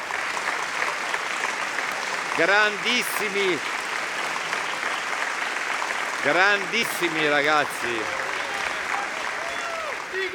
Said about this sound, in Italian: Un grande applauso.